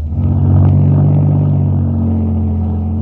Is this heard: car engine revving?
yes